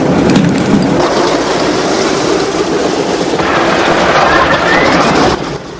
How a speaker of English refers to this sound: The B-17's propellers begin to spin into action, sending out a trail of grey smoke. Inside the cockpit, buttons and switches are pressed and flicked. The plane's engines roar into life.